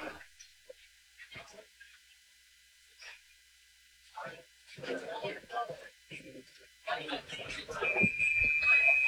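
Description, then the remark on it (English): A referee's whistle at a football game, blown with a penalty flag for delay of game, sounds near the end as a sustained high, steady tone, heard over rising crowd noise and scattered voices after several quieter moments. “Now there's a flag and a whistle.”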